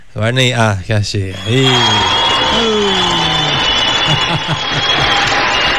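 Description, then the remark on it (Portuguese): A short applause jingle played on a radio show: a few loud sung or cheering vocal notes, then a steady wash of crowd clapping and cheering that holds loud until the end, with a faint high whistle-like tone over it. “Eu sempre pico aqui as minhas vinhetas de aplauso, rapaz, vou te falar um negócio.”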